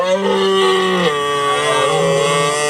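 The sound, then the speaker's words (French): A red deer stag bellows during the rut, as broadcast on France Télévisions: one long, loud, drawn-out roar with a deep, rough, harmonic tone that dips lower midway and holds to the end, with no other sounds. “Ça, c'est le brame du cerf.”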